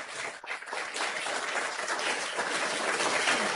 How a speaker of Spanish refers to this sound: Así que mientras ellos van subiendo, les pido un aplauso para recibirlos a los tres.